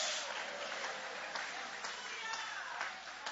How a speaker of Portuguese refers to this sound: Levanta a sua mão, levanta a mão e glorifica o nome dele com uma alegria. Aplaude a ele, louve a ele. Glória a Deus.